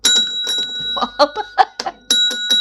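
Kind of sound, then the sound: household object, small bell being rung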